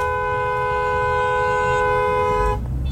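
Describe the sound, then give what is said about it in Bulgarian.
A car horn, sounded by an irritated driver, blares in one long, steady honk for about two and a half seconds, loud, then cuts off, leaving rumbling traffic noise underneath. Recorded in the Manastirski Livadi East neighbourhood. “Тук някой водач се изнерви, включи клаксона.”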